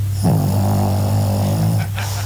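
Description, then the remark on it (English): A small 20-pound Pekingese dog snores steadily while asleep, a loud, rumbling drone with a raspy breath that lasts nearly the whole moment before a brief snuffle at the end. “Then when Sassy does fall asleep, it turns to this. This is her snoring.”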